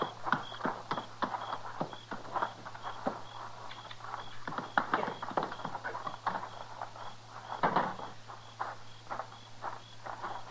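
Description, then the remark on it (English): Horse hooves clip-clop at an unhurried, slightly uneven walking pace, with sharp knocks repeating throughout over a low steady hum. “Get his horse inside.”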